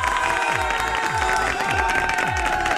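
Loud, steady applause fills the whole clip, with crowd cheering mixed in and a deep thumping beat pulsing about twice a second underneath.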